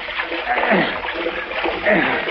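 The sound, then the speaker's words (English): Steady splashing of water as people wade through shallows toward shore, holding a man pulled from the water up out of it, with churning sloshes that rise and fall over a couple of seconds, with no clear talk. “Here, hold him up out of the water and head for shore.”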